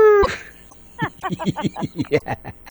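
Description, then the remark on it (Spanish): A man imitates a wolf howling, loud: a brief high wavering tone, then a quick rhythmic run of about ten short, falling, yelping howls. “Mira, mira, nena, tú estás haciendo que yo me convierta aquí en un hombre lobo. Aúlla, entonces.”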